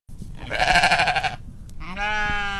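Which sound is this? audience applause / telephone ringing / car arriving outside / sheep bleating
sheep bleating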